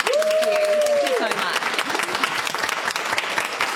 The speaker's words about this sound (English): Give yourselves a big round of applause. Thank you, Pop Choir.